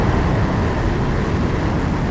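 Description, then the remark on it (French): Elon Musk's rocket engine fires with a loud, unbroken roar, deep rumbling low end and a broad hiss above, holding steady for the whole two seconds with no voices. “C'est son moteur.”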